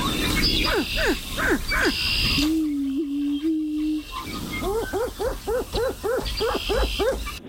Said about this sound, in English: We're going to play the sound one more time here, and then we're going to get you to give us your best version of the Greater Prairie Chicken mating call. Here it is once again.